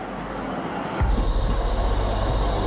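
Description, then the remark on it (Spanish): Tram number 3 in Bosnia-Herzegovina running on rails: a soft background hum swells abruptly into a loud, low rumble with a steady rhythmic pulsing of wheels over track, and no voices. “El tranvía número 3 no funcionaba por razones obvias durante la guerra.”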